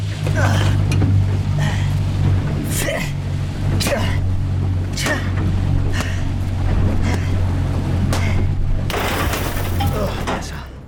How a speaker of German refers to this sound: Alle Anzeigen sind blockiert. Das Boot rast auf direktem Kurs zurück zum Resort. Abspringen bei Jetantrieb?